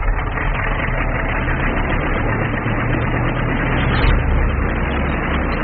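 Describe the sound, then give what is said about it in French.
A loud, steady aircraft engine roars continuously as the plane takes off at 1 a.m. on a full-moon night, a dense low rumble with a rough mid-range drone that swells slightly near the end. No voices. “À 1h du matin, par cette nuit de pleine lune, il est temps de décoller.”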